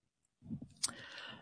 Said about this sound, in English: This is what it sounds like when I'm typing.